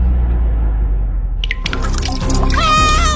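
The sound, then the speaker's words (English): Water leaking into a basement trickles and drips, with a low steady rumble underneath, a few sharp drips landing midway, then a bubbly, gurgling flow that grows fuller toward the end. “When water hits your basement, it hits fast.”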